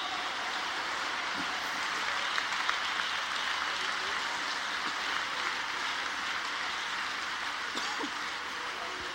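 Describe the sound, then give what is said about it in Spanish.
Steady applause from an audience fills the whole stretch, a dense, even wash of many hands clapping at constant loudness with no voices standing out above it. “Denle ese aplauso, mi Dios santo.”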